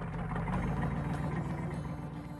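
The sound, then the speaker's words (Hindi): A truck that has just pulled up and stopped outside the school in Rastapal, on 19 June 1947, idles steadily, a continuous low rumble with a throbbing mechanical texture that holds constant throughout, with no voices. “रास्तापाल की पाठशाला के बाहर एक ट्रक आकर रुका।”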